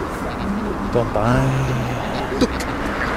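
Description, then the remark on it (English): A steady, broad roar of road traffic passing fills the whole stretch, with a brief voice-like or cooing sound rising over it partway through. “Traffic.”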